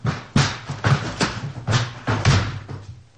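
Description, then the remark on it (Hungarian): Heavy, repeated thuds and bangs against a locked wooden door, about six or seven forceful blows in an uneven rhythm, loud, as people break the door open. “Hát várnivalónk pedig nincs. Betörjük.”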